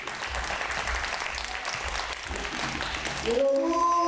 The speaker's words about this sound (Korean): 자, 이제 준비가 된 것 같으니까 여러분들께서 큰 박수로 선생님의 공연을 감상하겠습니다. 아주 기쁜 자리입니다. 여러분 큰 박수 부탁드립니다.